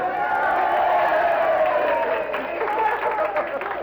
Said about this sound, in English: A big roar of applause.